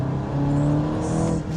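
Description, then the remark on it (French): A car engine drones steadily, its deep harmonic hum holding near one pitch as the vehicle pulls along under light acceleration, with no voices. The sound comes from the engine itself, with active sound added through the car's speakers. “Il y a un petit son moteur qui vient du moteur quand même, il faut le noter, en 2022, c'est plus très courant.”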